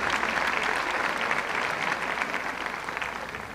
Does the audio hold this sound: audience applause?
yes